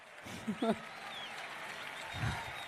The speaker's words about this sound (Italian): Li accogliamo con un applauso.